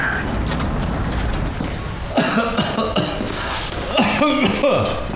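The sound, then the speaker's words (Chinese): A person coughs in two short, harsh bouts a couple of seconds apart, fairly loud, over a steady background hiss with no clear talking. “怎么了？又咳嗽了？”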